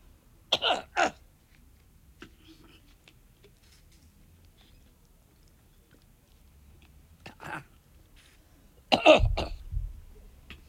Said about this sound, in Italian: Chiedo scusa, pausa tosse.